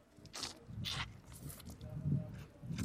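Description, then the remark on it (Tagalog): Soft wet chewing of chicken curry dipped in curry sauce, with moist squishy mouth sounds and several crisp bites repeating at an uneven rhythm. No one speaks. “Titikman na natin yung chicken curry naman nila.”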